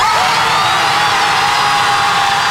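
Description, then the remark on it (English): A loud, unbroken din of many beachgoers screaming at once after stepping on Lego bricks scattered all over the beach, a dense high-pitched wash that holds steady from start to finish with no pauses or talking. “Oh, Oh, well, let's find out what Lego bricks all over the beach sound like right now.”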